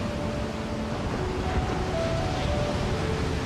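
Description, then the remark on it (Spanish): Ocean waves make a steady, unbroken roar of rushing water at an even loudness throughout, with a faint low hum running beneath and no voices. “Este es el océano.”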